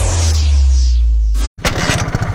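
A loud motorcycle engine drones steadily, then abruptly cuts out for a moment as it stalls before coughing back to life in uneven, choppy sputters.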